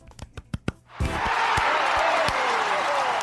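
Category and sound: crowd, audience clapping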